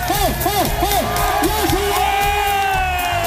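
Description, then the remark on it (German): A live crowd, the audience at an RTS Deutschland event, cheers loudly and continuously, with rising whoops and shouted voices repeating in quick arcs over a dense wash of applause and noise. “Und wie krass gut die war, könnt ihr euch jetzt anhören. Ihr seid das beste Publikum von RTS Deutschland.”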